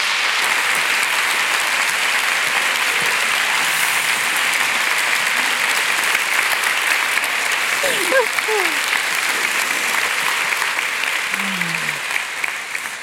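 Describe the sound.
Sustained applause from a large audience in Frankfurt welcoming authors Cornelia Funke and Jagoda Marinic to the stage at a literature event, steady and dense, with a few faint voices and calls rising briefly near the end.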